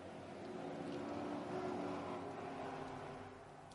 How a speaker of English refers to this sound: It's a long hold. And there are the sound of the V8s. We go green.